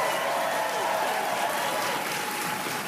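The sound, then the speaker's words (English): A comedy show audience applauds steadily for comedian DJ Demers's interpreter, a dense, continuous wash of clapping that holds at an even, fairly loud level throughout without any pause. “Keep that applause going for my interpreter”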